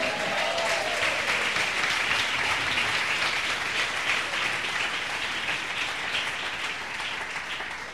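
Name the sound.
audience applauding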